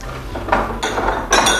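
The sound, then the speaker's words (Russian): Glasses clink together in a toast, two or three bright, ringing touches in quick succession, fairly loud against a faint background, with no one speaking. “Ваше здоровье.”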